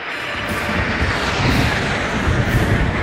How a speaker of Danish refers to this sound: Første fly, der kommer, er de her velkendte franske Alpha Jets. Der kommer 9 styks. Det er dem, som flyver med røg ud af bagenden, kan man kalde det, så du kan få det franske tricolore flag tegnet op på himlen med blåt, hvidt og rødt.